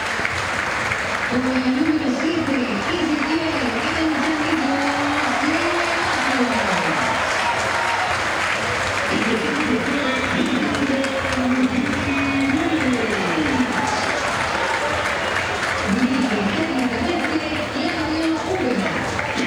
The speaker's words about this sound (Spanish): Nada para Úbeda, nada para Úbeda, y me parece, no sé ustedes cómo lo vivieron ahí abajo, mucho para Paredes y un poquito menos para Aranda, los dos más aplaudidos, ¿no?